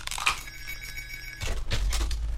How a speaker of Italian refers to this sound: Come sentite, arriva una telefonata e la devo prendere.